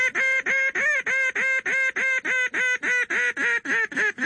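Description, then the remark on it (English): A duck call blowing a highball, a long, loud, screaming call used from a blind to get the attention of ducks 400 or 500 yards away: a long run of about sixteen loud, harsh, evenly spaced quacks in a fast steady rhythm, with no voices present. “If you were in a blind and you saw some ducks and they were a fairly good distance away, say, 400 or 500 yards away, you would use a long, loud, screaming call, which is usually called a highball.”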